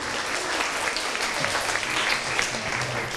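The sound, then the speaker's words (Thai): A classroom of students claps steadily for about three seconds for a classmate's presentation, a dense, even patter of many hands at moderate loudness with no pauses and a faint voice murmuring underneath. “ขอเสียงปรบมือให้กับเพื่อนด้วยครับ”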